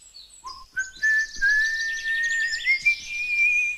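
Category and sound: human body sound, person whistling a tune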